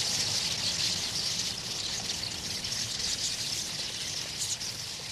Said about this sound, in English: Soon, all of Goose Island's swallows will disappear below the southern horizon for the winter. But witnesses will long remember the autumnal spectacle of the birds' massed flight.